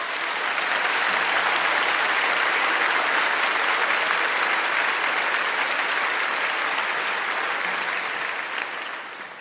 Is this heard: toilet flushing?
no